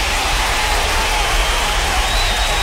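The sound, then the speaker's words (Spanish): A burst of applause, dense and steady, with many hands clapping together at an even loudness for about three seconds, with a faint crowd murmur mixed in and no one speaking. “Por supuesto que sí, un aplauso para el hombre.”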